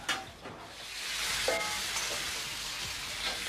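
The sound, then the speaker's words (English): Noodles frying in a pan with a steady, crackling sizzle, fairly loud, with a few faint stirring clinks underneath and no talking. “The noodles are frying for me and my gown.”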